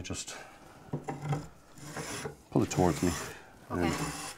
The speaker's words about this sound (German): Jetzt spannen wir ihn hier ein und hobeln ihn ab.